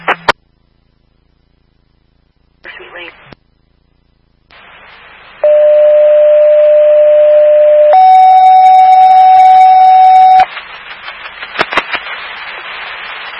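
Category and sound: signal or alarm, fire dispatch alert tone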